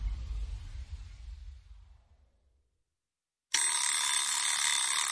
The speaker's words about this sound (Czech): čekej na zvonek a rychle otevři. Kdo pak to zvoní?